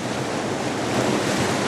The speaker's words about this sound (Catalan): miri les oles.